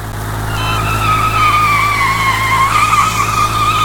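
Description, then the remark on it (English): Car tires skid with a loud, sustained screech lasting several seconds as the car swerves to avoid another car pulling out, its pitch wavering slightly, over a low steady engine rumble, with no one speaking. “A car pulled out and Mike had to swerve.”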